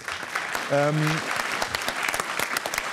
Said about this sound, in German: von den Kolleginnen und Kollegen der Landesanstalt für Umwelt Baden-Württemberg, für die es einen großen Applaus an dieser Stelle gibt.